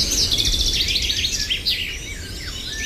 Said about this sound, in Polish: A żeby się dobrze czuć, to trzeba posłuchać sobie śpiewu ptaszków na przykład. Co Państwo czują, kiedy słyszą Państwo coś takiego?